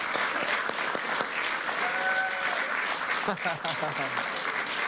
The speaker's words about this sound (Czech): Já jsem koukal, jak se vám vede tady tomu kanále, jako jdou na 100 000, přátelé, to chce potlesk.